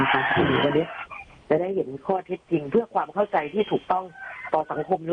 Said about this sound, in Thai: ได้ยินเสียง ได้ยินเสียงไก่ขันแล้วครับมารับสายเลยฮะ ก็คงไม่มีไก่ขนาดนี้เดี๋ยวไปรับสายกัน